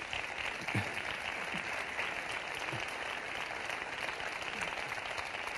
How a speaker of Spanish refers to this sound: Y después grandes compañías como la de Antonio Gades y la representación fundamental de Jerez en ese momento, que fue el Gómez de Jerez, que está aquí esta noche y para quien me gustaría pedir un gran aplauso.